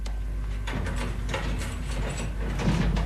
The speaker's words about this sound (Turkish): Levendim, aç şu kapıyı.